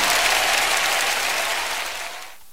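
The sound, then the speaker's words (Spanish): A burst of loud, dense applause from a crowd, sustained for a couple of seconds before quickly fading out. “aplauso.”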